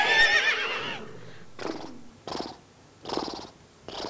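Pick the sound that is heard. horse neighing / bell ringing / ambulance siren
horse neighing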